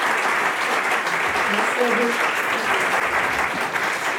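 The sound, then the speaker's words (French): Steady, dense applause from a live public audience at the 29th Rendez-vous de l'histoire festival in Blois, broadcast on France Culture: a continuous crackle of many hands clapping at even loudness throughout, with a faint murmur of voices underneath. “Votre livre « Histoires et colonisations, des récits de la conquête aux héritages postcoloniaux » c'est donc aux éditions Gallimard et je pense qu'on peut vous applaudir puisque nous sommes à Blois en direct et en public.”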